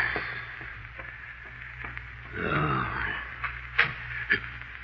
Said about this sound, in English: Who closed that door? Who closed it?